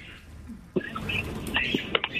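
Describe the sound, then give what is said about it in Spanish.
Small parakeets chirp with high tweets in quick, irregular bursts, slightly muffled and thin as if heard through a phone line, over a low steady background hiss. “Perico, ¿eres tú?”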